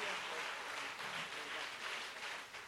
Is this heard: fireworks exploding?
no